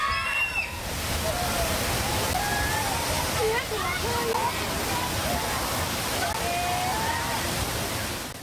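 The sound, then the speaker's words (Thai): A loud, steady roar of rushing flash-flood water that has damaged a local bridge fills the whole recording, a dense churning torrent at a village in Mae Sam Laep subdistrict, Sop Moei district, Mae Hong Son province, Thailand, with faint voices barely audible beneath the flow. “ตรงนี้เป็นหมู่บ้านในตำบลแม่สามแลบของศพเมยจังหวัดแม่ฮ่องสอนนะครับทีนี้นอกจากกระแสน้ำที่ไหลเชี่ยวรุนแรงที่เราเห็นแล้วเนี่ยยังซัดสะพานในพื้นที่เสียหายทำให้การเข้าออกหมู่บ้านเป็นไปอย่างยากลำบากครับ”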